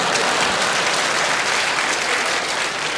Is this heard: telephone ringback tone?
no